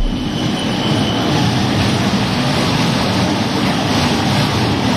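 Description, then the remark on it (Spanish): One of the first trams in service rolls steadily past along General Álava street in Vitoria-Gasteiz, its continuous low rumble of wheels on rails filling the whole stretch, with a faint high squeal early on and no voices. “Este es el sonido de la vida de uno de los primeros tranvías cruzando General Álava.”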